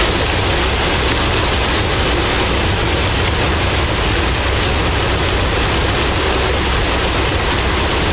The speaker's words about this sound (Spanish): La calle Guadalupe Victoria de la Junta Auxiliar Ignacio Romero Vargas se convirtió en un verdadero río, arrastrando a su paso una gran cantidad de basura